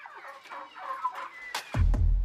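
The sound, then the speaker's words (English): A school's chickens cluck and chatter in a steady, overlapping stream of calls, with a heavy low thudding rumble breaking in near the end. “It is then processed into small pellets, which are used to feed the school's chickens.”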